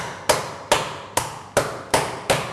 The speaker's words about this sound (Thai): ทำไมเราถึงเอากระดาษมาเพราะว่าหลายๆท่านเนี่ยไม่มีค้อนทุบเนื้อที่บ้านนะครับถ้าไม่มีค้อนทุบเนื้อที่บ้านเอาอันนี้ลงนะครับแล้วก็หา อะไรก็ได้ที่สามารถทุบได้ใช่ไหมคะ หม้อได้เลยครับตี